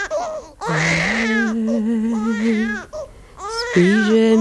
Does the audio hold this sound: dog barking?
no